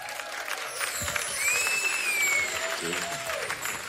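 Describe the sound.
A crowd claps and cheers steadily, a dense wash of applause with a few high whistles rising above it and voices shouting through the noise.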